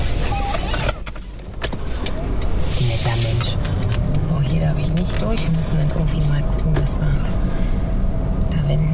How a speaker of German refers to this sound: muss ihr Auto wenden und eine andere Route nehmen.